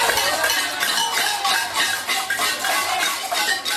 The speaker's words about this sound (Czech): Zapálili lidé na několika místech barikády a protestovali také tradičním latinskoamerickým způsobem, boucháním do hrnců.